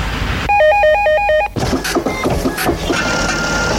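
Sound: telephone ringing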